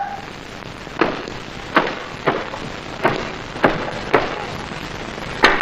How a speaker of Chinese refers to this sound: 来了来了来了，是哪个挨刀的敲门敲得这么凶？